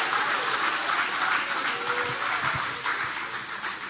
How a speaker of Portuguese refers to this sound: Pode tomar o vosso assento, guarda a Bíblia com carinho e podem aplaudir a ele também com alegria. Pode aplaudir, pode glorificar o nome dele. Ô, glória!